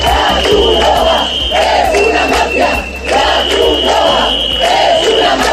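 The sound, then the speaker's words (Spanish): A crowd of protesters in Ceuta, who blocked the distribution of food and hygiene kits to migrants at Trampolín beach, shouts in loud, rhythmic bursts of chanting roughly once a second, with a steady high-pitched whistle or alarm tone sounding continuously beneath the voices. “Estos son los gritos vertidos por manifestantes en Ceuta que han impedido el reparto de alimentos y kits de higiene entre personas migrantes en la playa del Trampolín.”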